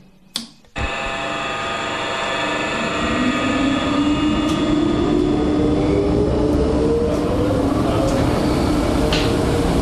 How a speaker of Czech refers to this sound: Větrání metra zajišťují taky ventilátory,